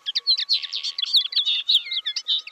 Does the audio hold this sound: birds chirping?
yes